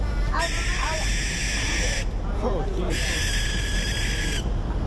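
Two long, loud, raspy hissing screeches from young owls at night at a water tower, each lasting over a second with a brief pause between, heard over a steady low rumble of background noise.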